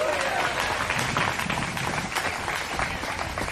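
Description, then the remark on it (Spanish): An audience applauds in praise of God, a dense, steady wash of many hands clapping at full volume for several seconds, with scattered voices mixed into the noise. “Déjate ese aplauso así para él.”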